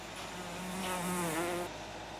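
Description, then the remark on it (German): A single fly buzzes steadily, its droning hum wavering slightly in pitch as it hovers and moves about for a couple of seconds, with no voices present. “Klebekünstler und Kunstflieger. Unsere Fliege ist allen Gefahren entronnen.”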